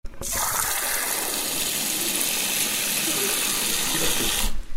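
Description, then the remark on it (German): Water gushes steadily from a tap for several seconds, a dense, even hiss of running water that starts and stops abruptly, fairly loud with no one speaking. “Wasserhahn.”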